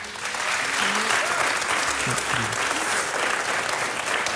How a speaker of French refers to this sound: On vous demande d'applaudir très fort AMG et Ornella Moulet.